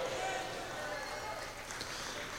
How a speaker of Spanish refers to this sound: ¿Están haciendo tortillas o aplaudiendo al Señor? Dele fuerte el aplauso. Si es para el Señor, démosle fuerte.